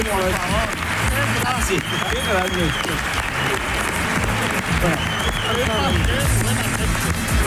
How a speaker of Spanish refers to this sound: Un aplauso para esta chica.